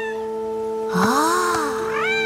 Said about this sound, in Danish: Åh? Ja, der er nogen, der miaver. Der miaver?